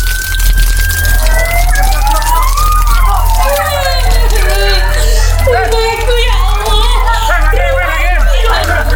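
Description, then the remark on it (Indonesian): A house fire roars and crackles while several emergency sirens wail, their rising and falling tones overlapping loudly and continuously, with faint agitated voices mixed into the din. “Kebakaran bisa terjadi karena hal yang dianggap sepele.”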